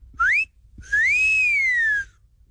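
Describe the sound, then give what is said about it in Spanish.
A person whistles two notes: a quick rising chirp, a short pause, then a long note that rises and slowly falls away, with no talking. “el chiflidito para las de 100 y menos.”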